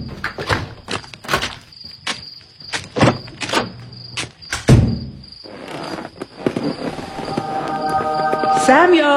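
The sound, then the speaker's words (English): A series of sharp clicks and knocks builds to a heavy thud as a door is shut and locked, with crickets chirping steadily in the background. “And I'm going to lock my door this time.”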